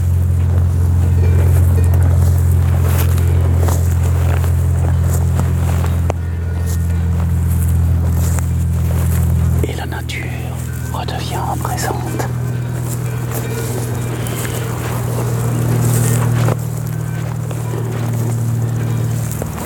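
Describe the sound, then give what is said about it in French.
A TV helicopter drones steadily over the mountains, its deep throbbing rotor-and-engine hum continuous for the whole stretch, swelling and easing slightly as it circles, with faint higher rustles and wind noise above it. “L'hélicoptère de la télé tourne encore.”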